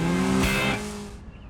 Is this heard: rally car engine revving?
yes